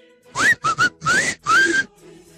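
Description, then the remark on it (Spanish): Four breathy, airy whistle bursts in quick succession, the pitch wobbling upward in each, loud but thin and unsteady: a woman's weak attempt to whistle loudly as a challenge, with no talking. “Ese silbido no lo tiene ni mi abuelito.”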